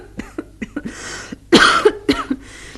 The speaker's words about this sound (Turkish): Size inanabilmeyi çok isterdim ama bu öksürükler bütün umudumu yok ediyor.